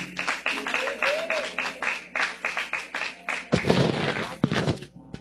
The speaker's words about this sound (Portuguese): Recebamos o pastor com palmas bem alegre para Jesus.